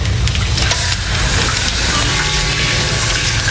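Steady, loud rush of running shower water, recorded of a man in the shower, a continuous hissing spray that stays unchanging throughout with no voices.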